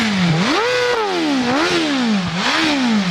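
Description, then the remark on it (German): A four-cylinder motorcycle engine of roughly 215 horsepower, with a top speed of about 318 km/h and no limiter, revs hard in three rising-and-falling bursts. Its loud, buzzing pitch climbs and slides back down, with no one speaking over it. “Vierzylinder. Mit wie viel PS?”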